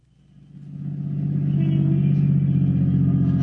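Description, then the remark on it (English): A car engine runs with a steady low rumble as the car pulls into a parking space, swelling over the first second and then holding a constant idling drone with a faint harmonic hum; no voices. “There's a parking space. All right, pull in. Now turn off the motor.”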